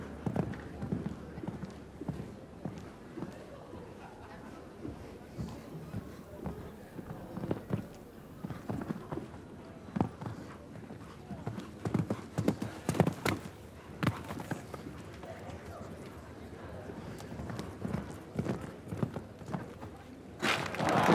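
A show-jumping horse's hooves clip-clop as its female rider rides against the clock, an irregular, uneven rhythm of dull thuds over a steady murmur, with a louder burst of hoofbeats near the end.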